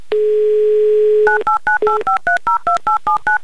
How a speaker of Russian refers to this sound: Набран номер телефона Анны, звоним в Москву.